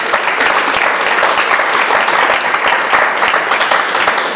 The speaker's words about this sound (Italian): Un applauso a questi angeli.